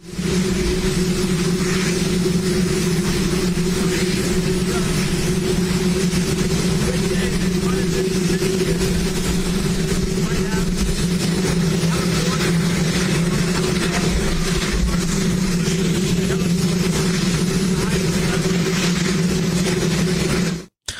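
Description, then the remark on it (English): A loud, steady helicopter engine roars continuously at a ribbon-cutting ceremony for the new White House helipad, a deep droning hum with a broad wash of noise that holds unchanged for about twenty seconds before cutting off abruptly. “but couldn't hear his remarks, with only the sound of a running helicopter engine audible after no one was there to properly mic him up.”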